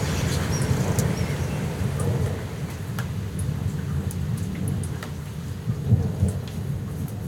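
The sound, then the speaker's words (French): A thunderstorm rumbles low and continuously under steady, hissing rain, with a few faint, brief bird chirps breaking through above the downpour. No voices are heard. “Après l'orage, premier chant d'oiseau.”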